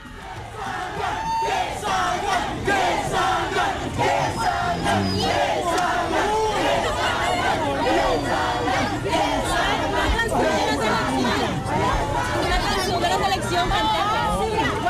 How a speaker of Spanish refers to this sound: Bueno, gritaba la gente que salgan, pero no salió absolutamente nadie